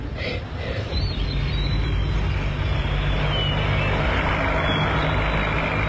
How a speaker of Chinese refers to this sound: 几辆载着城里各界深情厚谊的汽车驶进了水泉村。